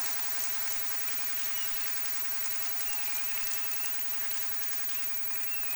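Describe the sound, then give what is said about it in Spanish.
An audience applauds a group receiving an award at a recognition ceremony, a steady, dense wash of clapping that holds at an even level for several seconds, with no one speaking over it. “Los aplaudimos también.”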